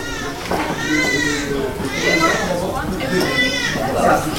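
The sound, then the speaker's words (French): Babies crying in a maternity nursery of a postnatal ward at morning care time: insistent wailing cries rise and fall in three long bursts, fairly loud, with overlapping voices and steady background. “Donc là on a deux services de suite de couches, mais on entend déjà crier.”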